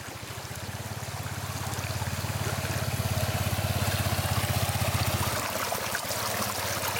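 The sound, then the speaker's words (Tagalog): Steady rushing of water in a stony river that health workers cross on foot, continuous, with a low rumbling pulse underneath that eases off just before the end. “Minsan matatalisod ka po sa mga bato-bato kasi po diba sa ilog po, ilang ilog po tatawirin namin.”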